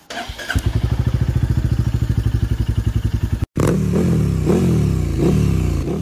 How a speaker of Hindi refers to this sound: अरे ये bike start होने के बाद भी उठ क्यों नहीं रही है? अरे भैया आपकी बाइक तो पंचर है, पंचर।